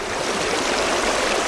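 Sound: flowing river water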